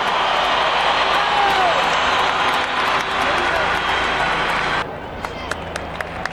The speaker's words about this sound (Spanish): ¡Un aplauso para James Rodríguez!